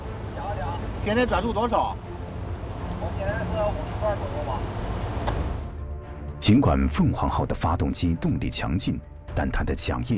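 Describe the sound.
The main marine engine of the No. 3 ship Phoenix drones with a deep, steady low rumble during its first ignition test run at the Dalian shipyard, the propeller turning slowly at about 50 rpm, running continuously beneath several people talking.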